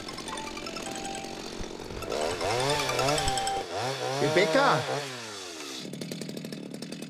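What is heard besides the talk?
chainsaw running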